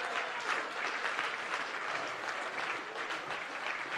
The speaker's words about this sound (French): mettez debout, bon Dieu, applaudissement pour ça.